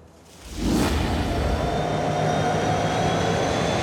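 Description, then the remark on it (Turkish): The Shackle train heads south along the rails with a steady, broad roar that swells up after a quieter start, thin high tones whining over a low rolling drone. No one speaks. “Shackle treni güneye doğru ilerlerken hemen ileride Darren ve Walt rayları hala kayalardan temizlemekle meşguller.”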